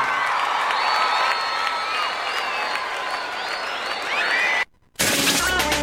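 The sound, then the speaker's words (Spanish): A large crowd applauds steadily, with scattered cheers and whoops rising over the clapping; the applause cuts out briefly near the end, then bursts back in loudly. “aplauso.”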